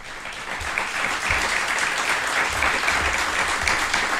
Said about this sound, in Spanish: Y yo lo primero que quiero hacer es pediros a quienes nos acompañáis aquí en Gallipienzo que nos acompañéis, por favor, con un fortísimo aplauso que se va a oír seguro a través de la radio.